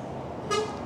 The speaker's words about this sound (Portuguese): E é Delães, a freguesia de Delães, que passa neste preciso momento. Três autocarros.